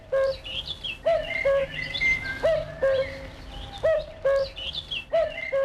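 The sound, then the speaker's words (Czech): A cuckoo repeats its low two-note call about five times at a steady rhythm, with other birds chirping and twittering at a higher pitch in the background. “Takže 3, 2, 1, kukačka.”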